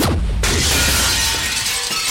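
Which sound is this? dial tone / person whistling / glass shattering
glass shattering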